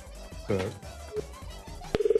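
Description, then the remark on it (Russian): A click followed by a quick run of short, evenly spaced electronic phone tones, clear, as a telephone call to Voronezh is dialed. Faint voices and handling noise come before it. “Позвоним сейчас.”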